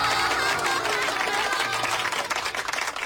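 A class of schoolchildren at a primary school less than 100 km from the border applauds steadily for about three seconds as a teacher is invited to give the first lesson, a dense, even wash of many hands clapping at a constant loud level, with faint voices mixed in beneath.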